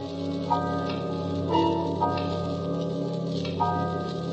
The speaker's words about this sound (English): The house was quiet with only the ticking of the big hall clock.